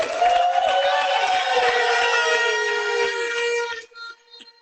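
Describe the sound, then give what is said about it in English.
A crowd at a graduation ceremony cheers loudly and steadily for the Marjorie Mason graduating class of 2026, with high whoops and whistling over a dense wash of clapping, then the noise cuts off abruptly after about four seconds, leaving a few faint sounds. “We want the cheers to be loud because we have to congratulate the graduating class of 2026 from Marjorie Mason.”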